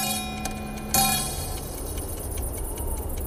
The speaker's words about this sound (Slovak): Tento raz dve odbytia znamenajú dve hodiny v noci.